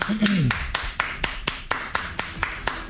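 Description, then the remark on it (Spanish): Steady hand clapping, roughly a dozen sharp claps in an even, quick rhythm, with a brief voice sounding over the first half second. “Déjale aplauso.”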